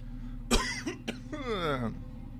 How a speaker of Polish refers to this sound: Ciężko się tu oddycha, stąd ten kaszel.